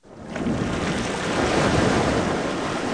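Surf washes steadily onto a beach on the Andaman Sea at Krabi, Thailand, a continuous broad rushing roar that swells in quickly and holds at a full level with no voices.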